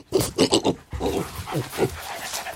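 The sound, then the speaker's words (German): A pig or dog tracking truffles snuffles and grunts, a quick run of four rhythmic sniffing bursts followed by looser, breathy rooting noises as it noses along the ground. “Er sieht aus wie ein kleiner, hässlicher Erdklumpen und wird meistens von Schweinen oder Hunden aufgespürt.”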